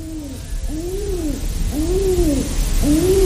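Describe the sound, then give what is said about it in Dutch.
A father pigeon on a balcony railing coos in a steady series of four soft, rolling calls, each rising and falling, while encouraging two young pigeons to fly, over a low hum of background noise. “Bijvoorbeeld toen vaderduif de 2 jonkies vanaf de balkonreling aanmoedigde om te vliegen.”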